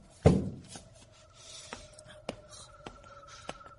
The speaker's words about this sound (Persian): این یکی قفل نداره. یه صندلی پشتش میذارم.